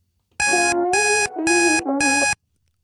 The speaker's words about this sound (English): tell me, what song can you hear playing in the background? What's the alarm?